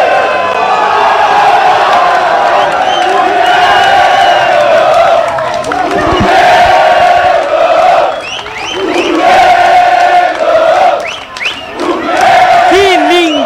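A big crowd of Brasil football fans, the 'chavante' supporters, chants and cheers continuously in a stadium at a match in Bento Gonçalves, a loud, sustained roar of many voices with rising whoops and shouts throughout.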